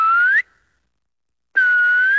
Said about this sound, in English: It's got the most incredible reverb. You really do hear the most wonderful echo. It's just been very pleasant to call out or whistle out and have the forest speak back to you.